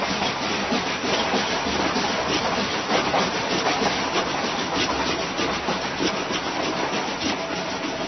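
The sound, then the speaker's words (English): An eraser rubs steadily back and forth on paper, its dense, scratchy friction forming a continuous rhythmic chugging that mimics a moving train, loud throughout with no voices. “This one, that train was being propelled by an eraser rubbing on paper.”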